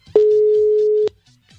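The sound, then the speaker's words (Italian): A WhatsApp voice call ringing tone: one steady, loud electronic beep lasting about a second, starting and stopping abruptly, with faint murmuring voices in the background. “Avvia chiamata vocale”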